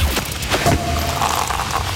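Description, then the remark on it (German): A few sharp champagne cork pops burst out close together near the start, followed by a soft, lingering fizz and hiss. No one speaks. “Wenn bei uns die Sektkorken knallen, dann ruft ihr schnell durch.”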